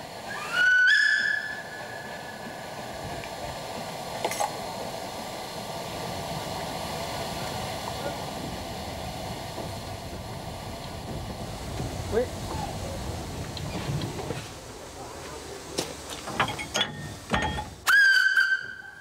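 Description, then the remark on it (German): A small narrow-gauge Decoville locomotive draws in with its wagons after the tightest curve of the line at Rommelstein, where it hands them over to a Jung locomotive: a long, steady high whistle over a continuous rumbling hiss, then rattling clanks near the end and a second short whistle. “Und da kommt sie, die schwer arbeitende Decoville, die hier nach der engsten Kurve der Strecke am Rommelstein ihre Wagen an die Jung übergeben muss.”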